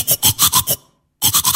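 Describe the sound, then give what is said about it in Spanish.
A toothbrush scrubbing teeth in quick, raspy back-and-forth strokes: about five brisk strokes, a brief pause, then three more. The bristly sound is fairly loud and heard alone, with no voices. “Es el sonido que hacemos cuando nos cepillamos los dientes.”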